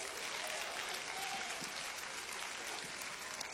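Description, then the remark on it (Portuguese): An audience at a church service claps steadily to welcome the preacher, a dense, continuous patter of many hands with no gaps, holding an even loudness throughout. “Vamos receber o servo do Senhor com as palmas, bem alegre para Jesus.”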